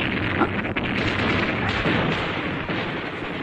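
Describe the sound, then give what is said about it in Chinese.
Steady, dense gunfire fills the scene, with rapid machine-gun bursts and occasional sharper cracks over a continuous roar of battle, loud, with no voices; the bullets smash a car's windows and the car comes to a sudden stop. “话音刚落，机枪声骤起，子弹打破车窗，汽车戛然停下。”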